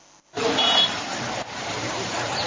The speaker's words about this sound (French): La circulation ici au marché est désormais fluide. Les abords de la route, autrefois encombrés par des étals, des kiosques ou des vendeurs ambulants, sont entièrement libérés. Véhicules et piétons circulent aisément.